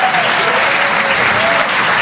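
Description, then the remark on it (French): Sustained audience applause for a comedy duo, live on Rire et Chanson, a dense, steady wash of many hands clapping at once, loud, filling the whole two seconds with no break. “On peut les applaudir très très merci.”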